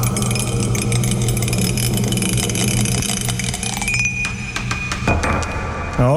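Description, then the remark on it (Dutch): A die rattles and rolls with a quick run of irregular, hard clicks, then falls off the thing it was rolled on with a final knock, all over a steady low mechanical hum. No one speaks. “Hij is namelijk weer van dat ding afgevallen.”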